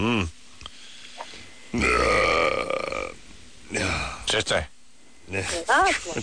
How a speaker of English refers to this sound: Once in a while, I have to belch or something.